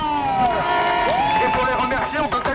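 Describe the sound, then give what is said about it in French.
A dense crowd cheers and shouts loudly in applause for the canteen volunteers, many voices overlapping in a sustained roar, with some clapping mixed in underneath for a few seconds. “Et c'est l'occasion de faire un tonnerre d'applaudissements pour nos camarades des cantines qui ne font de plus tout régal.”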